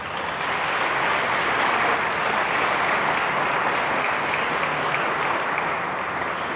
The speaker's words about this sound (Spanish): Denle un aplauso al amor de Dios.